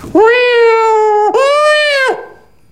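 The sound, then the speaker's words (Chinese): A voice imitates two fighting cats as a demonstration of the circular sounding technique, with two long, loud, strained yowls, each holding a high, wavering pitch before cutting off, with a brief catch between them and silence after. “这你看我这说的这循环发生，你听着两只猫被断吧，这就是循环发生。”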